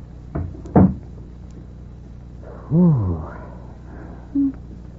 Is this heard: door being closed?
yes